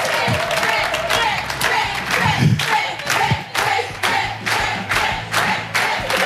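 A crowd cheers and whoops loudly for the winner of a quiz game while steady clapping runs underneath, a dense, continuous wash of voices and hand claps lasting several seconds without a break.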